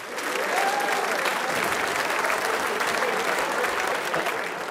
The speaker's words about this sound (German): Applaus für die Gottauer Stummhocker.